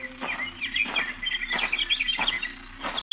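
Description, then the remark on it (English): Birds chirp and tweet busily in overlapping bursts that swell every half second or so, with no one talking; the sound cuts out abruptly for a moment near the end. “See you birds later.”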